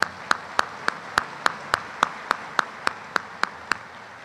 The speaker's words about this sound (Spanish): Por eso el día de hoy les agradezco, gracias a mi corte real que está aquí presente, a mi reina y a las princesas de todos los fresnillenses. Bienvenidas, un aplauso para ellas, gracias por estar aquí.